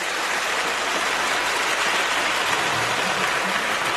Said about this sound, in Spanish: Un aplauso, por favor.